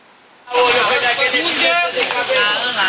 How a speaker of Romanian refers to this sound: S-a făcut fum și au sfârâit micii, cărnații și ceafa de porc.